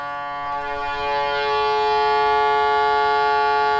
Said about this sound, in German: Das ist jetzt das Typhon. Ja, die klassische Hupe in der Schifffahrt.